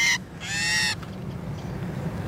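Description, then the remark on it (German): A female starling, held head-down in a small homemade tube on a sensitive scale to be weighed, lets out two harsh, agitated squawks, a short burst followed by a longer rasping cry, with faint background rustle afterward. “Jetzt ist die Geduld der Starin dahin.”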